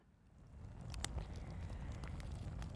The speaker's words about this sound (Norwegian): Her får vi på litt bål.